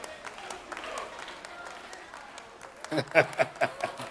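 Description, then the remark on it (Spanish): A Pentecostal audience clapping hands in a dense, steady patter, with voices rising over it and the claps swelling into louder, sharper bursts toward the end. “Esos que están aplaudiendo así son pentecostales, de verdad.”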